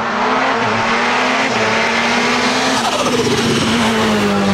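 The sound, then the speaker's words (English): Race cars roar loudly and continuously around a speedway track in Cairns, a steady engine drone rising and sliding in pitch as vehicles tear past, with a hint of tire squeal near the end. “And it's going to be an action-packed event featuring a massive lineup of cars.”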